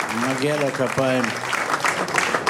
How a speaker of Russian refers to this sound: И он достоин рукоплесканий, аплодисментов. Действительно.